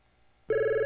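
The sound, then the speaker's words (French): A telephone bell starts ringing abruptly after a brief quiet moment, a loud, steady electronic tone with strong harmonics, sounding alone. “Pourquoi ton téléphone sonne tout le temps comme ça?”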